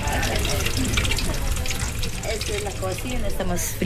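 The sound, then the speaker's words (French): Eggs frying in a pan in the kitchen of a small floating restaurant on the Amazon River, a steady, dense sizzle and crackle that holds at an even loudness throughout, with faint voices murmuring underneath. “Ça, c'est la cuisine. Je suis en train de faire frire des œufs.”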